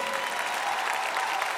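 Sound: audience applause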